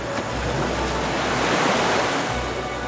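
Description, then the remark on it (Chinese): Ocean waves break rhythmically on the shore of a South African fur seal colony as the sun sets, a steady, full roar of surf that swells slightly and eases again. It is fairly loud, with a hint of wind and no voices. “海浪有节奏地击打着岸边，太阳落到地平线以下，南非海狗们逐渐安顿下来，准备迎接新一天的挑战。”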